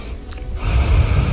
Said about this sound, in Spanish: Quiero oír tu respiración, ¿cómo es la tuya?